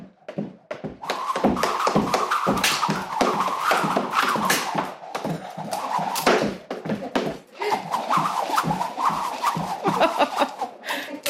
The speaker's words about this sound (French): C'est impressionnant, vous entendez? C'est comme si on se prenait un vent, mais non. C'est vraiment le son de la corde à sauter de Sam Jump,